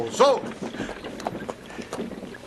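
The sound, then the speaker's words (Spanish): Horses' hooves clop unevenly and slow to a halt as the horses are stopped on command, with scattered hoof strikes over a soft background and a brief vocal sound near the start. “Capitán, detenga los caballos.”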